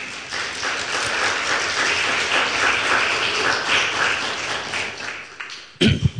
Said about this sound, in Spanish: ¿Cuántos dicen gloria a Dios? Por favor, un aplauso al Señor.